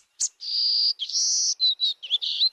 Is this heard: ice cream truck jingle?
no